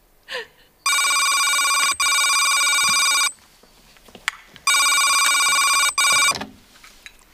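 A telephone rings with a bright, steady electronic trill in long bursts, about three rings separated by short pauses, loud and alone apart from a brief breath at the start.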